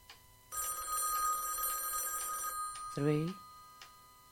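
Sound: telephone ringing three times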